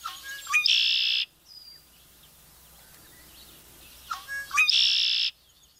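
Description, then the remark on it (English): A red-winged blackbird sings its gurgling song twice, each phrase starting with a few quick notes that rise into a loud, buzzy trill, separated by a few seconds of quiet outdoor ambience. “This, along with its gurgling, memorable song, a true sound of summer.”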